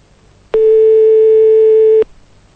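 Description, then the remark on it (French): A single steady telephone tone sounds for about a second and a half, a loud, even mid-pitched hum that starts and stops abruptly, as a radio DJ calls a listener's phone number live on air and the call goes unanswered. “Il y a bien quelqu'un derrière ce numéro de téléphone qui n'a pas voulu décrocher.”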